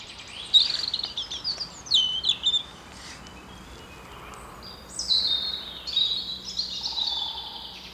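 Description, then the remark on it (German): Small birds chirp and trill in short, high bursts against a quiet, airy forest background, several calls overlapping with soft pauses between phrases. “Und dann natürlich schon auch die Stille, trotz der kleinen Vögel.”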